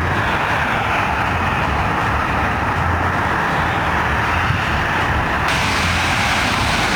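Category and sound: vehicle, cars idling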